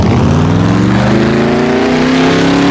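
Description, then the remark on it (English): A powerful V8 muscle car engine roars loudly, its deep rumbling revs climbing steadily in pitch as it accelerates, with no voices present. “Is it the revving engine of the muscle car?”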